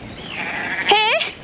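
A small sheep or goat, as small as a puppy, lets out a single short, quavering bleat with a wavering, trembling pitch that rises briefly before trailing off.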